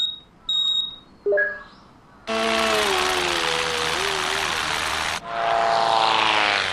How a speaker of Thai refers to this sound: ถ้าอย่างนั้นก็ดีเอาละโดรนนินจาเริ่มทำงานได้